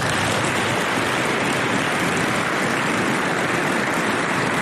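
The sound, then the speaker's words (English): A steady, dense round of applause from a crowd for the Dragoon families of the 2nd Cavalry Regiment, many hands clapping together into an even, hissing wash of sound that holds at a constant loudness throughout, with no voices heard. “Please join me in a round of applause for the Dragoon families.”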